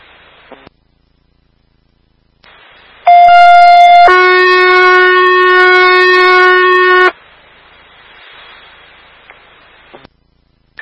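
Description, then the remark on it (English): Two-tone fire dispatch alert sending a mutual aid call to the town of East Longmeadow, 441 North Main Street, the Big Y store, for a woman having a seizure: a loud, steady higher tone for about a second, then a longer, lower buzzy tone for about three seconds, with faint radio static hissing before and after. “Fire alarm to action.”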